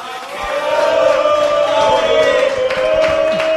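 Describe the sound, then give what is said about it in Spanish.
A live audience gathered for the Acá Hay Buen Fútbol program applauds and cheers loudly, a dense, steady wash of crowd noise with a sustained droning tone running through it for the whole few seconds. “sino también todos los días en Acá Hay Buen Fútbol con nosotros, que estamos aquí reunidos con toda esta... aplausos, escuchen.”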